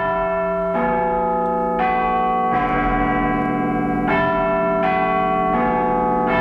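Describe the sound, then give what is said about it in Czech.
The bells of the Clock Tower in London, whose largest bell is Big Ben, all ring together in a slow, well-known melody, each strike blooming into a rich, overlapping hum that sustains and decays. About six strikes, loud and resonant, with no voices. “Takhle nějak to zní, když se všechny ty zvony rozezní.”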